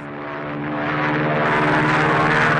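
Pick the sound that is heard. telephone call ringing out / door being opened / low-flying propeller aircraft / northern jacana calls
low-flying propeller aircraft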